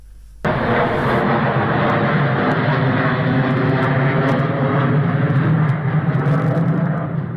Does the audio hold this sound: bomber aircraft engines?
yes